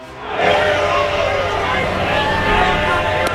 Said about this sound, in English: Right-hander Luke Bakker emerges from the bullpen for the Marlins. Hear the crowd booing. Lawrence Butler leads it off. Fans are not happy.